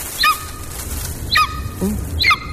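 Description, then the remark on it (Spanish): A golden eagle calls three times, sharp yelping notes spaced about a second apart, clear, over a low, steady background rumble. “No, es un águila. Águila real. Es un águila real.”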